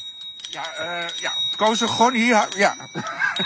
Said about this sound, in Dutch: zijn aan het klieren met hun fietsbel.